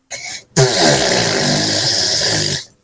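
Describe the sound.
A voice imitates a mother's farts: a short sputter, a brief pause, then a long, loud, buzzing raspberry that rumbles on for about two seconds before stopping.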